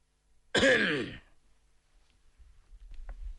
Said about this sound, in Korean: 류키영의 말을 듣던 선양이 마른 기침소리를 냈다.